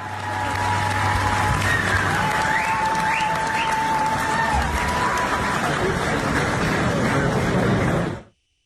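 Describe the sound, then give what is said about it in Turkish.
Sustained applause from a large audience at a panel event fills a hall as a speaker moves from an armchair on stage to a chair, dense and steady for about eight seconds before cutting off abruptly, with a few faint whistles or shouts mixed into the clapping. “Şahra'nın sahnedeki koltuktan kalkarak sandalyeye geçmesi salondakilerden alkış aldı.”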